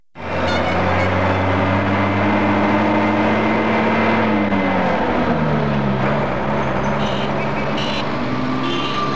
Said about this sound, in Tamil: வாசல்ல கார் சத்த மாதிரி கேக்குது.